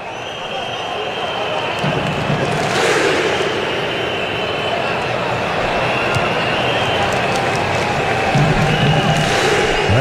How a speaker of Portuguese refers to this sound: E a torcida do Marrocos de novo fazendo a festa.